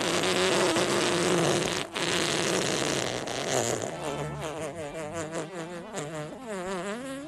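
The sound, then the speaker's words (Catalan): A long, loud, buzzy fart sound, raspy and steady at first, then trailing off into a wobbling, sputtering tail that warbles up and down for several seconds, with no one talking. “Al final aquest amb cua és molt interessant.”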